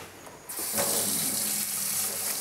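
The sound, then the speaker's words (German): A tap turns on abruptly and water runs steadily into a sink, a continuous rushing hiss with some splashing as it strikes a young tortoise being rinsed beneath the stream. “Ja, waschen wir sie. Spülen wir sie eben ein bisschen ab.”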